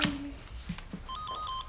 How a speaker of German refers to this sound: Oma, Telefon klingelt. Da ist ja eine Null drauf.